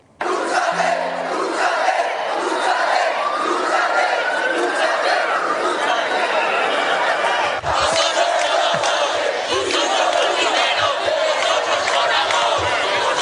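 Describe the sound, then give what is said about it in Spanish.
A large protest crowd at the Acampada Sol protest camp chants and shouts in unison, repeating "dúchate" ("take a shower"), a loud, dense roar of many voices that holds steady for the whole stretch, with a brief dip partway through before swelling again. “Vámonos ahora a los gritos que se han lanzado en la acampada Sol, escúchenlo.”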